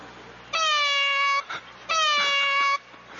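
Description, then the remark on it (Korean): Two long, drawn-out cat meows with a strained, tense quality, each lasting nearly a second with a short pause between, loud with no talking; a cat's typical stress call, starting high, dropping low, then rising slightly, played back at Starfield Library. “아, 제가 여기 별마당 도서관에서 이 고양이 울음소리를 들리게 해줄 줄 몰랐는데 이 울음소리는 대표적으로 고양이가 스트레스를 받을 때 내는 소리예요.”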